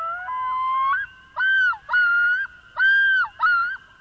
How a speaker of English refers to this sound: Loons! In 1983, amid a boom in lakeshore development, biologists found only a dozen pairs of loons in the whole state. but they've made a strong comeback.